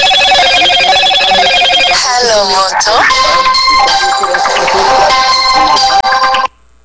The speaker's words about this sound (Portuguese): Começou a tocar o telefone do homem bem na hora do recado, ó. Meu Deus do céu.